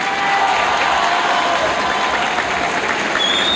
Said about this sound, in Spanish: Hay aplausos por el presidente y una ovación a Iván Poduje,